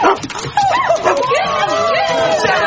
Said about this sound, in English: Whose dog is it? I've got no idea. Just followed me into work.